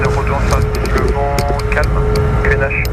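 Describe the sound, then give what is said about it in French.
A jet aircraft roars steadily through its takeoff run at an airfield, heard from a light aero club aircraft lined up on the runway; a loud, dense engine rumble with a sustained whine that fills the whole stretch without letting up. “L'avion est extrêmement silencieux, pas comme ce jet qui décolle devant nous.”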